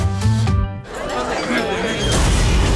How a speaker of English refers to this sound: Seems a rogue space capsule just crashed this party, Jax. And put a real dampener on things, Sarge.